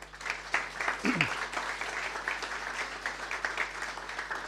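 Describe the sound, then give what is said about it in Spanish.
Dense, steady applause from an audience for the medical team, a broad crackle of many hands clapping at once that holds at a constant level throughout, with a brief murmur of voices near the start. “Y por lo tanto, yo quiero pedir un fuerte aplauso para el equipo médico por esta notable iniciativa.”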